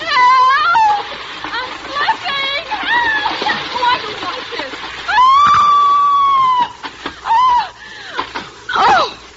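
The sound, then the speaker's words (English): A person screams loudly while sliding down a rope, in a string of wavering, pitch-bending cries, including one long sustained shriek, over splashy, sloshing noise in the background. “And now, scream convincingly as you slide down, darling.”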